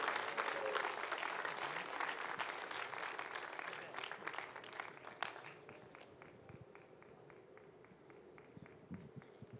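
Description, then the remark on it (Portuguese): A church audience claps together to welcome a couple and applaud Jesus, in a dense, steady wave of applause that gradually thins out into sparser, scattered claps toward the end, with no talking heard. “Vamos aplaudir Jesus bem bonito, irmãos. Pode bater palma e dar glória a Deus.”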